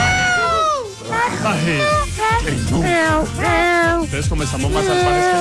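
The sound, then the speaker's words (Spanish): Several people let out wild, yowling animal-like yells on a host's request for a wild shout, overlapping and rising and falling, loud for the whole stretch, like human voices imitating screeching cats. “Denme un grito salvaje a alguien de fondo.”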